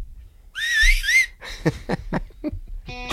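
A bright, wavering whistle plays a short melodic phrase, then gives way to the song starting up with punchy rhythmic hits and instruments.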